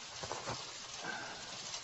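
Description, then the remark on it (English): Rain falls steadily in a soft, continuous hiss with faint scattered patters, fairly quiet and even throughout, with no voices. “I can't believe I didn't think about the likelihood there'd be rain.”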